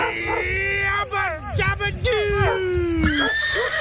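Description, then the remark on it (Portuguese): A horse whinnies loudly, a long, quavering neigh whose pitch wavers and then slowly falls, with a murmur of voices and background noise underneath. The horse has come and seen something strange. “Eita, moleque, já os cachorros, é claro, o cavalo veio, viu alguma coisa estranha por aí, não, é de arrepiar.”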